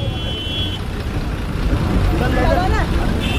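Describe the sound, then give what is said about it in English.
A moving bus rumbles steadily through busy traffic, with a high-pitched whine coming and going and muffled voices rising briefly in the background. “I jumped onto a moving bus and escaped.”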